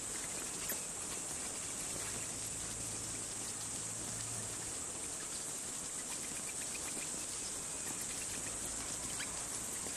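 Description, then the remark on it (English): A dense swarm of bats in flight at dusk as bat hawks hunt them, a steady wash of high chittering squeaks and fluttering rustle that fills the whole stretch without pause, with a faint low hum underneath. “Chaos fills the sky. Both bats and bat hawks have waited for darkness to come out and hunt.”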